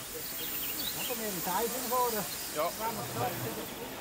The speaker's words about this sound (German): Die Arth-Rigi-Bahn wie auch die Vitznau-Rigi-Bahn, hier die zweite Dampflok von der anderen Seite des Berges, die Nummer 17, leben seit ihrer Entstehung im letzten Jahrhundert größtenteils vom internationalen Tourismus.